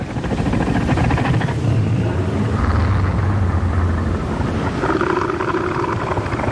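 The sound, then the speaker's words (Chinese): A male northern elephant seal's deep warning roar, warning other males to keep their distance as it marks out its territory: a loud, continuous, pulsing throaty rumble with a rapid rhythmic beat, sustained for several seconds with no voices present. The seal inflates its huge nose to roar; the sound carries several hundred metres. “最好的防御方式是避免发生打斗，所以雄性北象海豹会用具有威慑力的叫声警告其他雄性保持距离，划分出自己的领地。”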